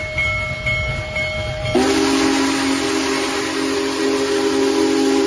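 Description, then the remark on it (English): Union Pacific's Big Boy, the world's largest operating steam locomotive, sounds its whistle while traveling through Northwest Indiana over steady rumbling rail noise, shifting from a thinner tone to a loud, deep, sustained blast that holds to the end. No one speaks. “The world's largest operating steam locomotive, Union Pacific's famed Big Boy, traveled through Northwest Indiana last month on its way to the East Coast as part of a historic coast-to-coast tour to mark America's 250th anniversary.”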